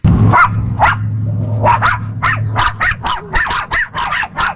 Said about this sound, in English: Neighbors spotted the distressed dogs inside the car Sunday afternoon and alerted law enforcement early yesterday morning. So this is some of the body cam footage so you can hear the puppies.